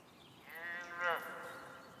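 A single drawn-out, cow-like mooing call rings out alone for about a second, swelling and wavering near its end before fading into a quiet outdoor background.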